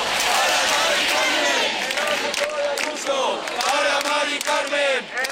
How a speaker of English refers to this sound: Crowds chanting there